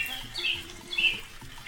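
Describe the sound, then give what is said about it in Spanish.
A small bird sings in short, bright chirping bursts while perched out in the rain, over a steady background hiss of rain. No one speaks. “Y la lluvia perjudica para estar tan feliz al pajarito. Ándale, mira. Hoy cómo canta.”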